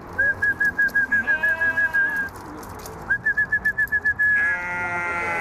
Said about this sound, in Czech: Určitě jste poznali, koho kastelán Brandýského … přivolává. Jsou to ovečky a kozičky